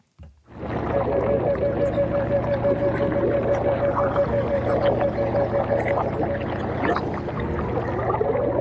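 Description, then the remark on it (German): Dense underwater gurgling and bubbling recorded in bogs, reedbeds and swamp forests of the Spreewald, Germany, played in a sound installation in the Nikolaikirche, steady and continuous for several seconds, with a faint sustained tone humming through it. No one speaks. “Das sind auch Unterwasseraufnahmen aus Mooren, Röhrichten und Bruchwäldern im Spreewald.”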